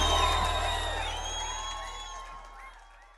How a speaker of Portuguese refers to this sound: Quem gostou, grita ui!